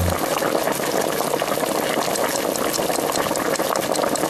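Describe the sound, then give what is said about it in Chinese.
Steady rushing and splashing of water being poured into a stew pot holding fried oxtail bones, onion, carrot, celery and tomato sauce, to be boiled on high heat then simmered about two hours; loud, continuing without a break for several seconds with no one talking. “就要放水，等大火烧开之后，我们要用小火煮至两个小时左右。”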